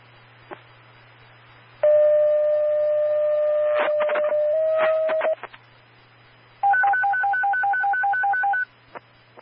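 Silas County Sheriff's Office radio dispatch paging tones repaging St. Germain 91 and Rescue for a lifeline alarm call: a long, steady electronic tone that steps slightly in pitch, a few clicks, then a rapid warble alternating between two higher pitches, over a low constant hum with no talking.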